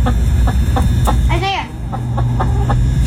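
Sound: chickens clucking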